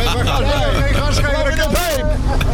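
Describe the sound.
A truck engine roars steadily through its exhaust stack, a deep, loud, continuous rumble close by, with people's voices talking over it throughout.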